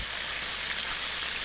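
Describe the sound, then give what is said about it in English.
A deep fryer sizzles in a steady, dense crackling hiss, bright, holding an even loudness throughout with no voices. “The sizzle of a deep fryer.”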